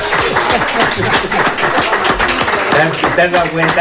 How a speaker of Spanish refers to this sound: Un aplauso para la Presi. ¡Viva la Presi! ¡Viva la Presi!